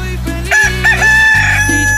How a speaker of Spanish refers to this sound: Cántale, cántale, cántale. Dice una, dice dos, dice tres. Ah, qué chulo canta mi gallo, ¿eh? Ese sí es gallo, caray.